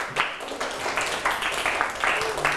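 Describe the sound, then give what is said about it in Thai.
A group of students in a classroom applauds a classmate after the classmate's explanation in a lesson on Thai idioms. Many hands clap in a dense, uneven patter that holds steady at moderate loudness for a few seconds, with no voices over it. “ไม่มีแล้วปรบมือให้เพื่อนครับ”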